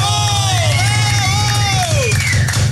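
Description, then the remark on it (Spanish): A crowd applauds and cheers loudly for the staff throughout, with high whooping voices sliding up and down above a dense, steady roar of the audience. “Y ahí los del staff, para los que pido un aplauso fuerte.”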